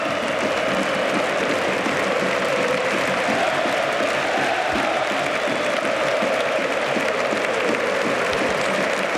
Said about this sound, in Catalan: Lewandowski, ara que aplaudeix a l'afició, tot aquesta, aquests crits, aquests ànims que li estan dedicant, se'n va plorant Lewandowski.